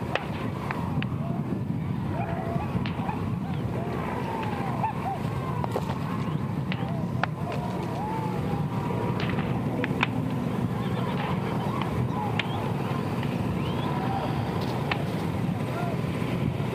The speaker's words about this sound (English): For our radio listeners, you're hearing the crack of whips, the hooting and hollering of Buffalo Roundup riders, and that low rumble you hear is the sound of roughly 1,300 bison being moved in for the season.